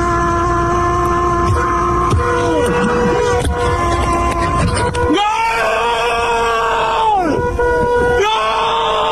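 A man standing on top of a car at a monument, recording video, shouts excitedly and loudly in long, sustained cries with rising and falling pitch, continuous over a rough, noisy background.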